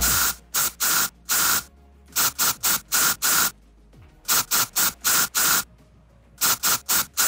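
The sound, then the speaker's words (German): Rhythmic bursts of a deodorant spray can hissing in short patterned groups, like a beat, played as a song, with brief pauses between phrases. Fairly loud, no voices. “Ja, da muss die ganze Ö3-Gemeinde heute ein bisschen zaubern und zusammenhelfen bei unserem Deo-Spray-Sprühdosen-Song.”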